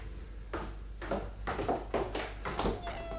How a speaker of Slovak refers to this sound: Ach, mačiatka, a koľko? Chceš jedno? A môžem si ho nechať? Môžeš. Vyber si. Všetky sú krásne. Toto biele je zlaté. Ale aj toto žlté s bielými pruhmi je milučké.